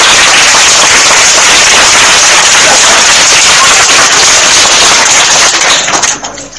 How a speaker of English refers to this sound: A round of applause.